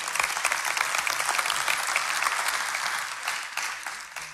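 A crowd at a meeting claps steadily for several seconds, a dense, continuous wash of many hands with no voices, fading slightly toward the end.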